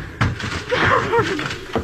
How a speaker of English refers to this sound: This is her room. The door's locked on the inside. Break it down.